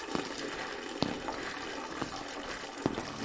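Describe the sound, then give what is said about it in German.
A toilet flushes with a loud, steady hissing rush of water that fills the whole stretch, broken by a few brief clunks and knocks from the pipes. No one speaks. “Also ihre Spülung faucht ihr, als würde das Ding gleich überkochen.”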